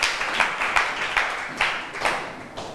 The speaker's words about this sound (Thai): เจ๋งมากปรบมือให้เพื่อนค่ะ